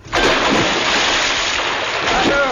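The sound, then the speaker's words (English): A bed is dropped into a river with a loud splash, followed by a couple of seconds of steady churning, rushing water. “It's floating, and it fits the river perfectly.”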